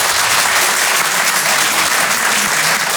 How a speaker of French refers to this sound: Par applaudissement dans la salle, est-ce qu'il y a des gens qui, comme moi, sont nés en province? Donnez-moi de la force par applaudissement.